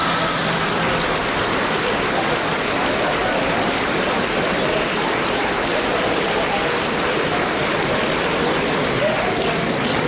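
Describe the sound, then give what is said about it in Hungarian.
Loud, sustained clapping from many hands fills the whole stretch, a dense, steady crackle that never pauses or thins out. “Mi még folytatná, de mi hangos tapsolással odébálunk.”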